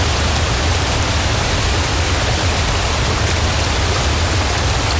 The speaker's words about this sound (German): An einem rauschenden Bergbach oder an einem stiebenden Wasserfall, da ist es schön kühl.